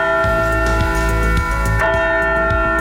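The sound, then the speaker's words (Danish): A large church bell rings loudly, its deep, sustained tone humming continuously while fresh strikes land every half second or so, with no voices present. “Altså den der 100 kilo, nej flere 100 kilo faktisk tunge klokke, der er blevet stjålet fra en kirke i Sejlstrup i Nordjylland.”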